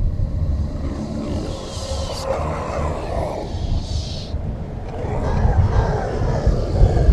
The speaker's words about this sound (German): Im ersten Moment hielt sie es für einen grässlich laut grollenden Donner in unmittelbarer Nähe, erkannte aber nach einigen Sekunden mit vor Entsetzen geweiteten Augen, dass es sich keineswegs nur um einen Donner handelte.